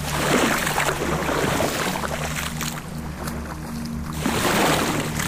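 A steady wash of Baltic Sea water churning with grey slushy ice about fifteen metres from the shore, recorded with a microphone on a pole in the waves, a dense hiss full of small crackles and fizzing, swelling slightly at the start and end, with a faint low rumble underneath.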